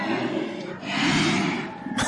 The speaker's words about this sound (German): Ja, das sind Bärenrufe. Denn einmal im Jahr findet in Alaska die Fat Bear Week statt.